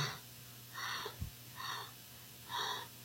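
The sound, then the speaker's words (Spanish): A woman breathes rapidly and heavily, with about four loud, raspy breaths in quick succession. No one speaks. “la respiración de la señora es muy acelerada, el pulso.”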